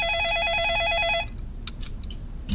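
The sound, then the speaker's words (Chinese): A landline telephone rings with a warbling electronic trill, a steady alternating high-pitched tone that cuts off after about a second, followed by quieter clatter and shuffling. The call goes unanswered. “你这时候来电话还能有谁呀？”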